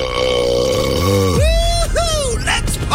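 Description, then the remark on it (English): A loud, drawn-out burp into the microphone, rumbling low and then rising into a croaky, wavering belch over about three seconds, with no talking. “The other part is just making sure that you don't burp into the microphone.”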